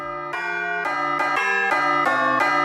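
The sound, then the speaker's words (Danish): A bright, bell-like ringtone melody, proposed as a new ringtone for the bells, plays on its own, moving through about six quick, evenly paced notes at a steady, fairly loud level with no talking. “nu skal vi altså have en ny ringetone på de der klokker.”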